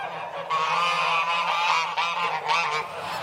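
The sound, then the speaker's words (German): Several ganders and geese, shut in for more than three months, honk loudly and continuously, their harsh calls overlapping in a dense chorus with a steady low hum underneath. “Seit mehr als 3 Monaten sind die Ganter und Gänse jetzt schon eingesperrt.”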